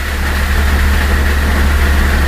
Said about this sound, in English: Really wasn't coming down all that hard. Not for that kind of thunder, no. Looks like that thunder's going to roll right into the house. Sure seemed that way.